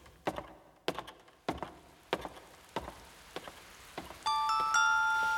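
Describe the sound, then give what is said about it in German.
Rain drips onto a castle roof in slow, evenly spaced knocks, each with a faint ringing tone, and sustained chiming notes join in near the end. No voices. “Das ist nur der Regen, der auf das Schlossdach tropft.”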